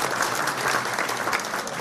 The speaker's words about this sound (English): That's an incredible achievement, and I think it's worth a round of applause to 35 years of hard work to do just that.